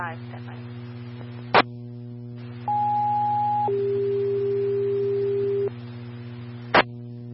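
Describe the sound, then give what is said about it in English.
A two-tone fire dispatch radio alert, set off for an engine fire: a steady higher beep for about a second, dropping straight into a longer, lower tone, framed by sharp radio clicks over a constant low electrical hum. “Our tones were set off for engine fire.”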